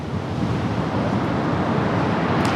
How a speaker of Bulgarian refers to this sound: Здравейте от плажа в Лозенец. Днес бяхме ви подготвили една демонстрация по водно спасяване, но както се оказа, морето наистина днес е опасно. Вижте какво голямо вълнение има.